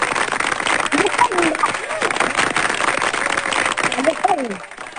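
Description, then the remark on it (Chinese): Steady audience applause given as encouragement fills the whole five seconds, a dense, fairly loud patter of many hands, with a few voices calling out over it. “好，来，掌声鼓励一下啊！”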